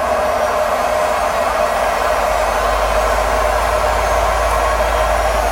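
A washing machine in a house in France roars through the final stretch of its fast spin, a loud, steady whooshing drone over a deep low hum that holds constant the whole time, with no voices.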